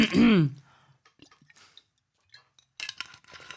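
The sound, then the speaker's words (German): Someone takes a sip of water with soft wet gulping clicks, then sputters into breathy, choking coughs after a loud vocal sound at the start. “Aber vorher muss noch ein Schluck Wasser rein, jetzt habe ich mich aber verschluckt.”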